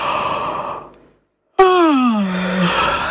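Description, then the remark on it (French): A long, deep yawn with a falling, drawn-out voiced tone, preceded by a soft inhaled breath fading into a brief silence, made with hands placed at the bottom of the ribs during a breathing exercise. Fairly loud, no talking. “Et on va bâiller encore une fois. Vous allez voir où est-ce que l'air va. On bâille ensemble.”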